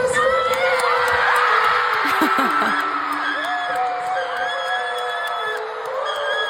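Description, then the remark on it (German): A huge crowd of about 75,000 fans at a South Korean band's concert in Munich screams and cheers continuously as the band starts a song, a loud, dense wall of high-pitched shrieks and whoops with no pauses, filling the whole space. “Dieses Geschrei, Leute.”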